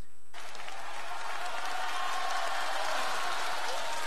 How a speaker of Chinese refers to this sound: 谢谢观众的这个掌声，太热情了，我太开心了。如果这个掌声再热烈一点点，会更 好。